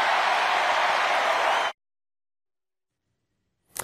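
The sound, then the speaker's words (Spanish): A crowd of supporters at an event applauds in a dense, steady wash of clapping for under two seconds, then cuts off abruptly into silence before a brief burst of noise at the very end. “Aplausos en una fiesta, en un evento donde todos son simpatizantes.”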